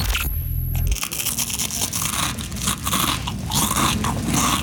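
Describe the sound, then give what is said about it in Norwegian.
Loud, continuous crunching of crispbread being chewed by a work colleague, a dense stream of brittle cracks and crackles without pause, opening with a brief low rumble. “Kollegaen din litt for glad i knekkebrød?”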